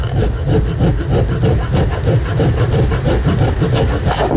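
Grana padano being grated: a steady run of quick, raspy scraping strokes, several per second, loud and continuous with no talking over it.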